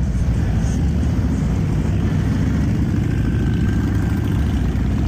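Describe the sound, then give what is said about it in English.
A loud, continuous low engine rumble from a group of motorcycles riding past on the Freedom First Riders chapter of Abate of Minnesota's Memorial Day ride along Broadway in downtown Alexandria, steady throughout, with a faint rising whine from one engine in the middle. “there was no traditional Memorial Day parade along Broadway in Alexandria this year, the Freedom First Riders chapter of Abate of Minnesota held a special Memorial Day motorcycle ride yesterday in downtown Alexandria. This is what it sounded like.”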